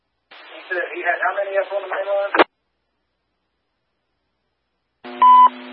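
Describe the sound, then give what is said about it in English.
A brief, garbled radio voice cuts off with a squelch click. After a pause comes a loud, steady electronic buzzer tone over the radio, lasting about half a second. “Need the buzzer?”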